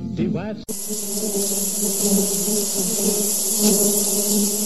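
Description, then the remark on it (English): A brief voice at the start gives way to a loud, steady swarm of buzzing bees, a dense droning hum that continues unbroken for several seconds. “Where did Noah keep his bees? In the ark hives.”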